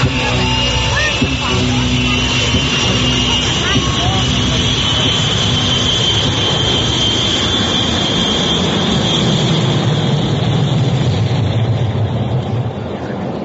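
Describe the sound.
A loud, steady airplane engine roar on a passenger flight fills the whole stretch, a dense drone with a high whine running on top and faint voices murmuring beneath it.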